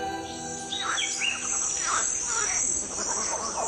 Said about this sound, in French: Ce que l'on entend ici, c'est la forêt guyanaise, un vacarme dans lequel une oreille affûtée peut distinguer des batraciens, des singes, des oiseaux, des insectes.